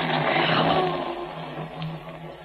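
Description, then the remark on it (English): A sustained, rolling rumble of thunder, deep and fairly loud, swelling briefly before easing off slightly over a couple of seconds. No voices are heard. “That's real. That's thunder. There'll be rain.”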